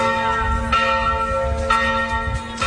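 Church bells of the church of Sveti Šime (Saint Simeon) ring loudly, fresh strikes landing about once a second over a rich, humming wash of overlapping metallic tones, with no voices.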